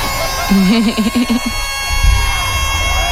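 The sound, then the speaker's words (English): A loud awards-ceremony crowd cheers and screams continuously as the gold award is announced, with one high voice shrieking in a wavering burst near the start before the roar carries on and swells again toward the end. “Screaming into oblivion.”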